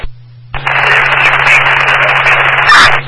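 A low electrical hum, then a loud, steady rush of crackling radio static cuts in and holds for a few seconds with no one speaking.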